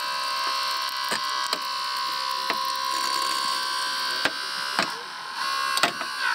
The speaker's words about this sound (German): Hast du schon eine Kinderschere? Genauso funktioniert das jetzt auch. Nur, dass wir das Auto kaputt schneiden.